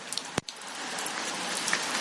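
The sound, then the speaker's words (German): Steady rain patters on a tin roof in a dense, even hiss of fine drops, broken early by one sharp, loud tap. No voices are heard. “Hier ist so ein Blechdach. Man würde denken, es trommelt übelst.”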